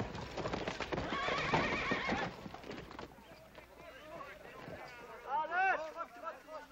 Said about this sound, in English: That's what I call riding a horse. Oh, well, you gotta admit I tired him out a little bit.